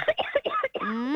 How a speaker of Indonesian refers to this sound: Betok, rupanya betok. Lo, tambah batuk, minum obat.